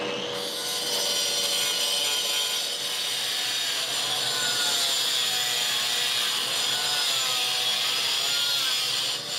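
A power tool grinds steadily against masonry, scraping mortar from bricks in a workshop dust room, with a harsh, hissing abrasive whine that stays loud throughout, without pauses or voices.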